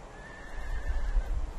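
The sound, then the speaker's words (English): A Przewalski's horse, a wild horse of Mongolia, whinnies in a single drawn-out, wavering neigh over low rumbling background noise, with no voices present. “It was named after the Russian zoologist who discovered the horse in the 19th century.”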